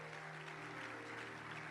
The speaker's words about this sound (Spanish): Dale un aplauso a Dios.